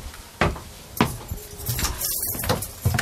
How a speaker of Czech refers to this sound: A už jste otevřel dveře a dostali jsme se na ochoz.